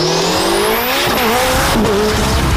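A loud race car engine revs hard and climbs in pitch, with tires squealing and skidding as it shifts through gears, for a FIA European championship car race in Ilirska Bistrica, Slovenia, with no voices.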